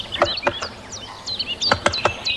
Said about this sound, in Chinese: 听见哒哒的敲击声，我才发现大斑啄木鸟就在附近。